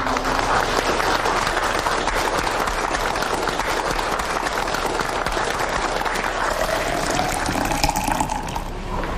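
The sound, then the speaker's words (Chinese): Sustained applause from a crowd, dense steady clapping that fills the whole stretch at a constant loud level, with no voices standing out. “让我们为曹公这种大公无私的精神鼓掌。”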